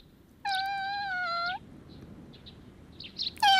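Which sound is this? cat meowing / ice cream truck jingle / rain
cat meowing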